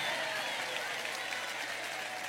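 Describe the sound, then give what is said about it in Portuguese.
An audience applauds in praise of God, a dense, even wash of many hands clapping that holds at a constant level for a couple of seconds with no voices standing out. “Pode aplaudir a Ele, pode glorificar, podem exaltar.”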